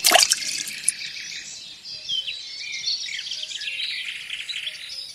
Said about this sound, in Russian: Кидает нож в воду.